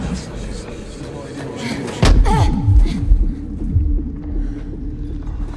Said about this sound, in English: She tries to join them, but slams into a transparent barrier.